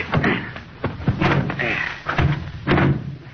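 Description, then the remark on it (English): A car door is opened and slammed shut amid a few solid clunks and thuds, with faint voices murmuring underneath. “Well, somebody open the door.”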